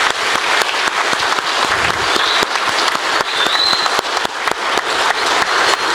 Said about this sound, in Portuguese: Então, sim, para finalizar, então, uma salva de palmas a todas essas pessoas.